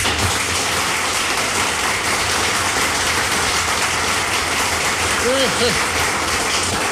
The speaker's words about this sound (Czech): Přivítáme potleskem Jirku Sováka.